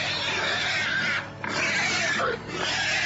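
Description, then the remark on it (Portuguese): Several pigs at a house grunt and squeal loudly and continuously after being frightened by the noise of a car, a dense noisy chorus broken by two brief lulls, with no talking. “E os porcos começaram a grunhir.”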